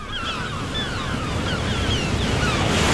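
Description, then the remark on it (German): Sea waves roll steadily over sand in a continuous broad roar, with gusty wind whistling through the grasses on the shore. The surf swells slightly louder toward the end, and no one speaks. “Und jetzt wollen wir schweigen und lauschen auf das Meer, das seine Wellen über den Sand rollt.”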